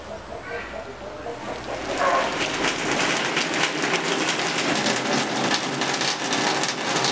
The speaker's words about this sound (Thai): ว่าแต่ฝนตก